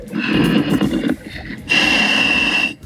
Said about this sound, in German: Darth Vader im Mummelsee. Jetzt hört man ihn richtig atmen.